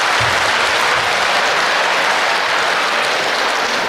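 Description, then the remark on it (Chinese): A crowd applauds steadily, a dense wash of many hands clapping at an even, fairly loud level throughout, with no voices breaking through. “哎，您这个掌声太少了，掌声，掌声，掌声，掌声，掌声，掌声，掌声，掌声。”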